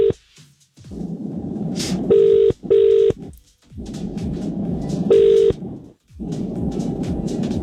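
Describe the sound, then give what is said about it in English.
Telephone tones sound as a call is placed: a pair of short electronic beeps, a pause, then another beep, over a dense rumbling background bed, with no one talking. “Let's see if we can get Kirsty on the phone.”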